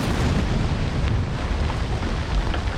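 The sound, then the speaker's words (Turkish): A large dynamite blast using 3 tons of explosives, up above a valley at a dam construction site, rolls on in a deep, thundering rumble, continuous and loud, a heavy low roar that fills the space without fading, echoing across the valley. “Yukarıdaki büyük patlamalar vadiyi sarsıyor. Her patlamada 3 ton patlayıcı kullanılıyor.”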